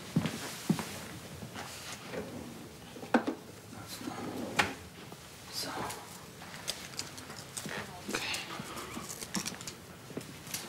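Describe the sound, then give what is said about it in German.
A third drawer is pulled open and rummaged through in search of a plaster: a few sharp wooden knocks and clatters, then scattered rustling and clicking of items being shifted, with brief murmured voices. “Ich suche nur ein Pflaster. Dritte Schublade.”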